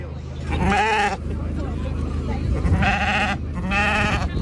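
Sheep bleat loudly at a livestock show just after the sheep judging, three wavering calls spaced across a few seconds, over a steady low rumble of a busy crowd.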